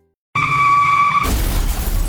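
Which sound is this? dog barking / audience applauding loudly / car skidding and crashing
car skidding and crashing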